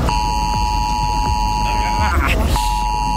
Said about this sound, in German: Der Warnton soll auf den meisten Handys ankommen, auch wenn sie auf lautlos sind. Heute um 11 Uhr wird das getestet am deutschlandweiten Warntag.